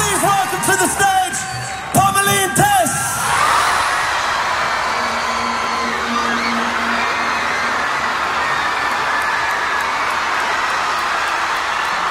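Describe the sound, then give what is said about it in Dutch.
A huge concert crowd erupts in screams and cheers as a surprise special guest joins the band on stage, a few individual shrieks and whoops standing out at first before blending into a sustained, loud roar of excitement that carries on throughout. “Hoor dat publiek schreeuwen.”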